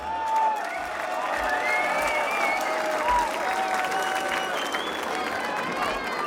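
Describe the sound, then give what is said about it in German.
Sustained audience applause after a march is played, a dense steady wash of many hands clapping at an even loudness for several seconds, with faint voices and a few whistle-like tones mixed in. “ein Applaus für dich.”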